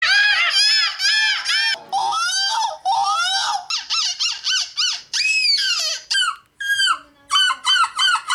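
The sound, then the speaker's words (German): Loud, shrill gull-like squawks and wails voiced by people imitating seagulls at the European seagull-imitation championship in Belgium, coming in rapid bursts with short gaps, rising and falling cries repeated over and over like an excited flock. “Ganz im Gegenteil zu den Teilnehmenden der Möwen-Nachmach-Europameisterschaft in Belgien. Da hört sich das Ganze nämlich ungefähr so an.”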